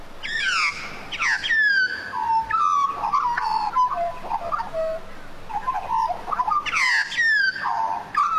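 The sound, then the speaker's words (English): Australian magpie carolling: a rich, fluting run of warbled notes and gurgles that rises and falls continuously, loud, with bright bursts at the start and again near the end. “Oh yeah, very, very familiar noises, but perhaps not so much the quieter birds, because while magpies topped the list this year and miners got a good run”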